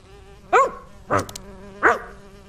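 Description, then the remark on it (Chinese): A bee buzzes with a steady, droning hum throughout, visiting a miniature garden by an open window, broken by three short, louder bursts spaced roughly half a second apart. No one speaks. “你还专门把窗户打开了，让蜜蜂可以来你的迷你花园采蜂蜜。”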